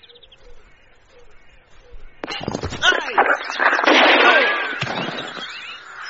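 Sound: gunshot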